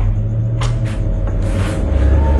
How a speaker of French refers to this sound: Le père Badi attendit calmement que le bruit de leur voiture se fût éloigné avant de se diriger vers les deux hommes installés au fond de la salle.